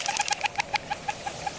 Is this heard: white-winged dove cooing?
yes